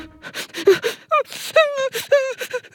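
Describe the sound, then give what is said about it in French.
Loud crying of a sad cuddly toy sitting in a corner: a run of short, breathy sobbing gasps followed by several high, wavering whimpers that rise and fall, with no talking in between. “Il est assis dans un coin et il pleure.”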